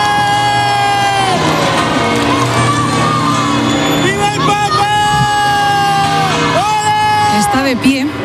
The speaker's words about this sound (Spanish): En estos momentos está saliendo el Papa móvil del Palacio Real, con lo cual los oyentes van a escuchar enseguida. Ahí está la algarabía de la gente. Saluda el Papa.